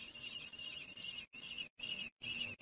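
Lesser kestrel chicks in a nest in a small town scream in alarm as two crows fly at the nest, shrill and insistent, a few long screeching bursts broken by brief pauses. The calls are loud, with no talking.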